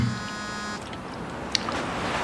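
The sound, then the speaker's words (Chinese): A mobile phone buzzes with an incoming call, a steady vibrating hum for under a second at the start, while people keep talking over it in a restaurant. “不好意思，接个电话。”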